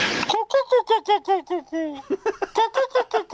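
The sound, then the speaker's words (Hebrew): A human voice imitates a pigeon and chicken mix: a fast, rhythmic run of about a dozen short, bright clucking coos, briefly slowing into a few drawn-out notes before speeding up again. “זה שילוב, זאת החלאה של יונה ותרנגולת.”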